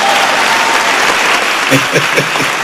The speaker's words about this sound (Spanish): Désenme un aplauso ustedes.